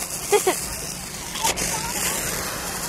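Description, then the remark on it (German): A garden hose sprayer, set to full with the red lever at its front, hisses steadily at full pressure, a loud, bright, even rush of water throughout, with a couple of brief bumps and clicks early on. “So hört es sich an, wenn du voll aufgedreht hast.”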